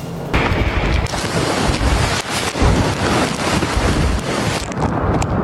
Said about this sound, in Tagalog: Binayo ng malakas na hangin kasabay ng buhos ng ulan ang lugar ni Bayan Patroller Jess Panzo sa Tamuning, Guam